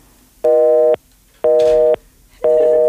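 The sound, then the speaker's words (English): A telephone busy signal from a new phone system after a call ends: three loud, steady tone bursts about half a second each, evenly spaced with short silences between, heard alone with no voices. “Alrighty, that was our new phone system as well.”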